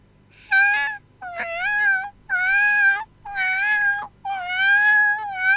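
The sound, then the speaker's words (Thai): A radio DJ imitates a scream with five drawn-out, high-pitched whimpering wails, each a loud sustained cry with a slight wavering pitch, separated by brief pauses. “ว้าวกรี๊ดสิจะรออะไรกรี๊ดมันออกมาคนเราจะกรี๊ดออกมา”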